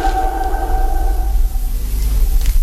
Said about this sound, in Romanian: Clopotul s-a oprit, majestate.